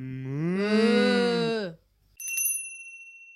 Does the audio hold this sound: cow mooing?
yes